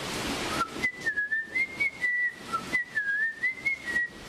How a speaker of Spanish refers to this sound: Nosotros no podemos cantar un acorde, salvo por ahí los locos que hacen diplofonía y canto tibetano y esas cosas, que hacen varios sonidos a la vez, pero un mortal como nosotros puede silbar más o menos afinado una melodía.